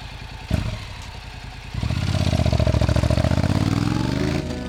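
A motorcycle engine idles with a rapid, rhythmic putter, then revs up louder partway through and holds a steady, throaty rumble, with no voices.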